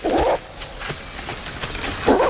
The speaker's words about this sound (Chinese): 我跟队员们开玩笑说，最初观察时我们只能看到大猩猩的背影，只要听到有人来，他们就会快速离开。他们经常发出一种警示性的吠叫，你听。